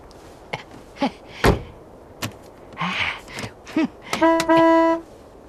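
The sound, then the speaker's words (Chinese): After a few scattered clunks and knocks, the horn of a small car blares once, loud, holding a steady, buzzy tone for nearly a second before cutting off. No one speaks. “让咱也开开小汽车。哎，别给人鼓捣坏了。”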